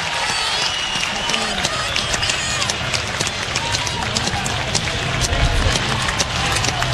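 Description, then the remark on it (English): A ballpark crowd claps steadily during a baseball game, on a one-ball, two-strike count behind the pitcher, a Beatrice native. It is a dense patter of many hands over a constant murmur of voices, holding at a moderate level for the whole stretch. “Clapping behind the Beatrice native, here it is.”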